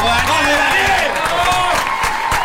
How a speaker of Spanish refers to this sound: Muchas gracias. Lo aplaudimos, Daniel. Muchas gracias.